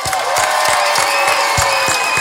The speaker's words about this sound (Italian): Grazie a Radio Subasio. Possiamo fare un applauso a Radio Subasio, per favore?